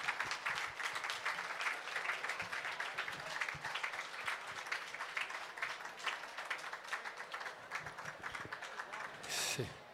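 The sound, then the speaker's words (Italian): A crowd applauds steadily for about ten seconds for the first employees of the Peschiera, a dense, continuous patter of many hands clapping, with some voices mixed in beneath it. “Vorrei fare un applauso, guardate che carini.”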